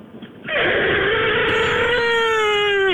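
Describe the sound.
A person vibrates their lips to mimic a dying elephant, producing a loud, sustained, wavering trumpet-like blare that slowly sinks in pitch and turns buzzy, lasting about two and a half seconds.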